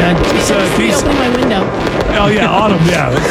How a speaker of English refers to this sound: Well, you know, the fireworks are still, I think that the fireworks are still going on. Yeah, they're going to be going on.